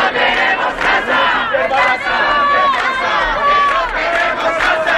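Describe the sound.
Hundreds of people protesting evictions chant slogans in unison in front of a company's headquarters in Valladolid, Spain, including 'vecina escucha, tu lucha es nuestra lucha' and 'no toleramos ni un desahucio más'; loud and continuous, overlapping voices rising and falling in rhythmic shouts over a dense murmur.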